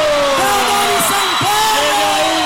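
A crowd cheers with long, sliding whoops and yells, and a steady noisy wash like clapping runs underneath at an even, loud level throughout.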